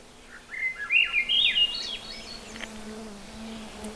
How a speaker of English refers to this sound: But to remember which one of the thrush, there's three of them that have these really flute-like songs that are common up here. Think of the S in Swainson's. That song winds up the scale, goes in an upward direction.